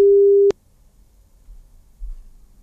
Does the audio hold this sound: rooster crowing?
no